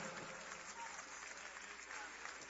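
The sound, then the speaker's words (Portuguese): Steady, loud applause for Jesus from a church gathering welcoming a speaker, a dense wash of clapping that holds evenly for a couple of seconds with a few faint voices mixed in. “Vamos recebê-la, ai, ai, ai, com aplauso bem forte para Jesus, e depois já vamos receber a nossa banda.”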